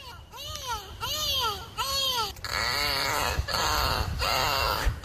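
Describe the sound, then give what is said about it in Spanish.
Pink river dolphin calls: three rising-and-falling tonal whistles with rich harmonics, followed by longer buzzy, harmonic squeals in steady bursts, all fairly loud over a low rumbling background. “Este es el sonido del delfín rosado.”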